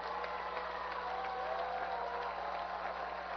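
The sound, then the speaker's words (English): A baseball stadium crowd cheers in a steady, unbroken roar with two outs, as pitcher Peralta faces batter Cimillo, with a few thin whistles rising above the noise midway through. No one speaks over it. “Crowd into it with two outs.”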